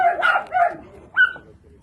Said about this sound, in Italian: Dentro ci sono 38 cani rinchiusi. C'è anche una mamma che allatta i suoi 4 cuccioli. Il loro verso è inconfondibile.